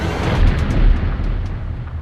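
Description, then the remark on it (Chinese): Gunfire and explosions of a battle rumble in a dense, continuous low roar, with a few sharp muffled bursts poking through, the gunfire growing quieter as the fighting nears its end. No voices can be heard. “爹，这枪声听着越来越小，姑母的仗快打完了”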